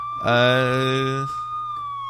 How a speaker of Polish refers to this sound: O, jakieś syreny, przepraszam.